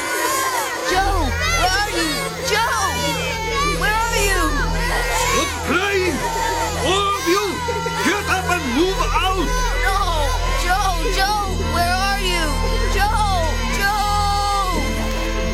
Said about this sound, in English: I heard the children crying again, but along with a different voice.